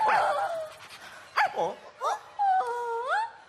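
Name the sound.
small dog barking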